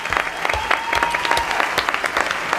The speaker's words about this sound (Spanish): Pido un aplauso